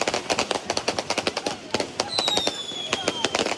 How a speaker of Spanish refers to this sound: Puntualmente a la medianoche, hinchas de Peñarol comenzaron a festejar el cumpleaños número 135 del club con fuegos artificiales que sonaron en todo el país.